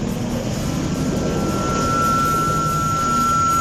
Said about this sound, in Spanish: En compañía de nuestro helicóptero del ejército. Helicóptero.